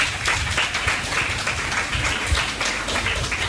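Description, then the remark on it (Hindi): An audience applauds for themselves at the speaker's request, many hands clapping in a dense, even wash of sound that stays loud throughout with no one speaking over it. “मैं अब बताऊंगी कि किस बात के लिए, पहले अपने लिए तालियां बजा लो।”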